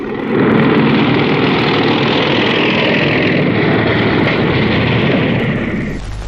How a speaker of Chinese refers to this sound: 连长，连长，摩托车来了。 有多少？ 看不清啊。